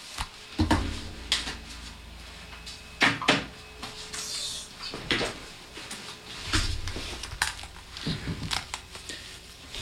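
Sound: studio door being closed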